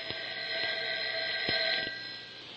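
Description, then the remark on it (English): A telephone rings steadily with a bright, trilling electronic tone, sustained, with a few faint clicks along the way and no voices. “That wasn't your phone. It was mine.”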